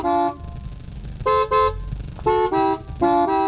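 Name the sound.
weak car horn honking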